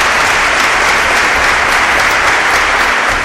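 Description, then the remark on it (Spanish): An audience applauds steadily at a sermon, answering the preacher's call for a round of applause: a dense, loud wash of many hands clapping together that holds evenly for a few seconds with no voices standing out. “Den un aplauso, Señor, amén.”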